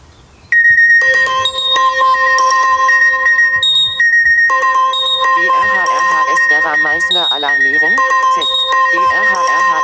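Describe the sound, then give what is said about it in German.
A test of a loud, piercing mobile phone emergency alert tone from an alerting app, which sounds even when the phone is on silent, starts abruptly after a brief quiet moment and blares continuously, layered steady beeps with a warbling, wavering section partway through. “Also mein Handy ist immer lautlos gestellt, außer diese Alarmierung über Katwan oder hier über die Vera ist immer mit diesem lauten Signalton.”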